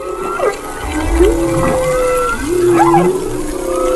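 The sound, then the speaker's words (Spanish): Underwater orca calls: several tonal whistles and rising-falling squeals overlapping over a steady low watery rumble, clear, with no talking. “Son orcas esto que están escuchando.”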